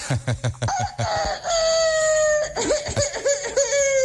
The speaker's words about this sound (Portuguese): Esse galo tá rouco aí. O Madruguinha tá meio cansado, já tá achando que ele tá ficando velho.